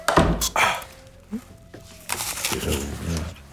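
A door thuds with a pair of dull, heavy knocks at the start, followed after a short quiet stretch by a longer, rougher burst of rattling and scraping.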